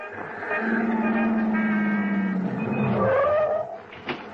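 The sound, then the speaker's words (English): A car engine revs up loudly while tires screech as a woman drives off in a waiting car, the pitch rising and sliding as the vehicle pulls away fast, ending with a brief sharp squeal. “You rush out after her, but she disappears into a waiting car and drives off.”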